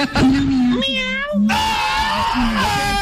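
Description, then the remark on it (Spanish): A voice imitates a cat meowing: several drawn-out, wavering meow calls that rise and fall in pitch, run together over a few seconds. “¡Miau!”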